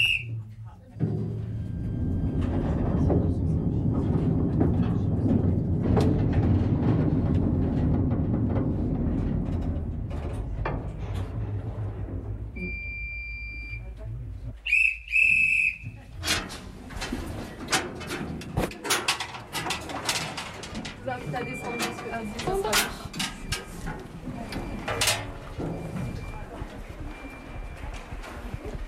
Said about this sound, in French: Et avec ce magnifique train, nous venons de parcourir 300 mètres de galerie sur les 4 km que comptent les ardoisières